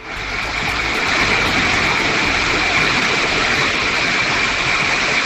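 Steady rain pours down in La Esperanza, Tenerife, in autumnal weather, a dense, even hiss of countless drops with a low rumbling undertone, holding at the same fairly loud level throughout.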